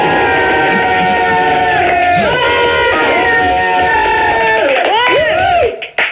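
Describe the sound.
A crowd recorded on a cassette yells and jeers in a loud, continuous roar, with many overlapping voices rising and falling in pitch before the noise cuts off abruptly near the end.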